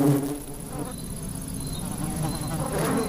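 Several ivy bees buzz steadily around ivy flowers, their overlapping drones rising and fading as they move, with a faint high whine of other insects in the background and no voices.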